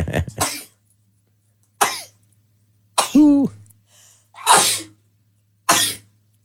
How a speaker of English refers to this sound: I don't know what this is, had what she likes to call a sneeze attack.